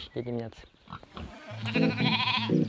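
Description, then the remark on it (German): A shepherd's sheep bleat repeatedly, their wavering cries overlapping, with a short bleat at the start and a louder, sustained chorus of several animals toward the end. “Von seinen Schafen allein kann Toader hier oben nicht leben.”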